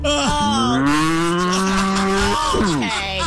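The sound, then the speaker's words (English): A long, drawn-out moo delivered by a human voice imitating the ghost of a cow named Millie, loud, with a sliding pitch that rises and falls before trailing off. “It's none other than Millie, the cow you sold you could go to Disneyland.”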